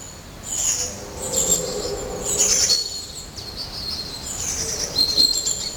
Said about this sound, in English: The birds here are very vocal at the moment. I can make out a long-tailed tit, a blue tit, and I think it's a tree creeper.